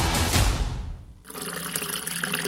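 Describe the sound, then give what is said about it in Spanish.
Water rushes from a faucet, then briefly quiets and resumes with a brighter, steadier splashing as a glass is filled under the tap for brushing teeth. Fairly loud, with no voices. “Hoy sí cerré la llave mientras me cepillaba los dientes y utilicé un vaso de agua para evitar desperdiciarla.”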